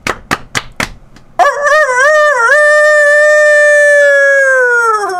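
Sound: rooster crowing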